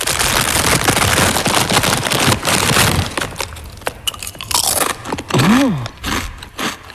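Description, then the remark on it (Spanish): Loud, crackling crunches of someone eating potato chips at the start of a song, a dense run of crisp bites and rustling for a few seconds, followed by scattered sharper snaps and a brief rising-falling tonal squeal. “que mete al inicio de la canción como saca unas patatas fritas y se las come.”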